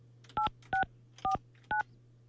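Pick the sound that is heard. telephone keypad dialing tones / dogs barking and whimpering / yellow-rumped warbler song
telephone keypad dialing tones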